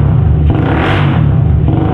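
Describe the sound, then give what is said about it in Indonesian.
A loud motorcycle engine with a modified exhaust revs, its rough, throaty exhaust roaring continuously with a brief surge in pitch midway, no voices present. “kau apakan knalpot motor itu, nak? Suaranya terdengar sangat bising dan memekak di telinga papa, nak.”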